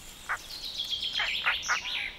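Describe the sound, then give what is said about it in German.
Harsh, rasping calls of a European roller in woods behind sand dunes, four short bursts at an uneven pace over a thin, continuous high twittering. No one speaks. “In den Wäldern hinter den Dünen leben Blauracken.”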